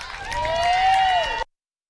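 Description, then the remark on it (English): A short burst of crowd applause and cheering after a performance at an event in Mbantwa, Alice Springs, with a sustained whistle riding over the clapping, fairly loud and steady before cutting off abruptly. “Hear the applause for that performance”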